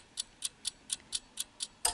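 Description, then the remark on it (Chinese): A clock ticks steadily, eight crisp, even clicks in quick succession, each sharp and bright, with the last tick slightly louder. No voices, just the regular mechanical beat. “隐约听到滴答滴答，你屋企嘅仲有冇呢啲嘅钟嘅钟声啊？”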